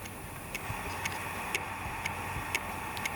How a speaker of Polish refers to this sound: Słychać. Jak zegarek prawie. Jakbyś jakiś zegarek taki zwykły, mechaniczny.